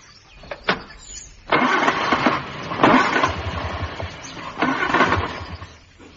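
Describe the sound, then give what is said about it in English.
A car engine cranks over and over in a few loud, churning bursts, sputtering but never catching, with brief pauses between attempts. No one speaks. “Get out of that bed and come and look at my car.”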